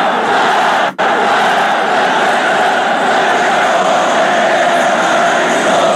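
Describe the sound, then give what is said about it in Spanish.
A dense stadium crowd roars steadily with cheering and shouting, loud and continuous, broken only by a split-second cut near the start before the wall of noise resumes; a Panzers fan's shout at Santa Laura stadium, five minutes before the end of the match. “El grito de la alegría,”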